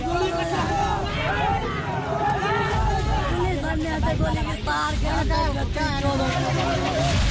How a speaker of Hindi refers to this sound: उग्र भीड़, सड़कों पर भारी बवाल, हिंसा, आगजनी और सुरक्षा बलों की तैनाती के बीच जबरदस्त तनाव। ये तस्वीरें पड़ोसी देश नेपाल की हैं, जो साफ बता रही हैं कि सांप्रदायिक हिंसा के बाद बिहार से सटे नेपाल के तराई इलाके में कैसी स्थिति बनी हुई है।